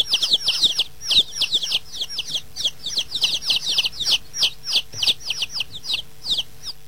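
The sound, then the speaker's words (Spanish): A group of chickens clucking and peeping nonstop, many high, quick overlapping chirps in a busy, steady chatter, fairly loud, with no voices. “Ya, vayan a comer pollitos, ¿ah?”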